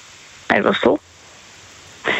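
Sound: heavy rain falling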